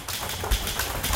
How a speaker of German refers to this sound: Richtig, der Klang der Schreibmaschinen in vielen Büros, in den Schulen. Und leider muss man sagen, ganz, ganz selten mehr zu hören.